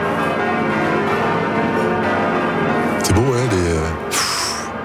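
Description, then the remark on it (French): The large bells of Notre-Dame ring continuously with rich, overlapping tones that fill the whole recording; one of them previously hung at the Stade de France for the Olympic Games. A voice briefly speaks over them, and a short hiss appears near the end. “On va entendre les cloches de Notre-Dame.”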